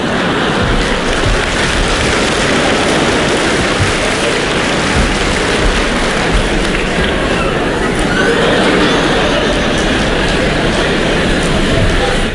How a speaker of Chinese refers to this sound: 哎呀，亲爱的观众还真热情啊，我爸爸都半身不遂了，您还鼓掌呢？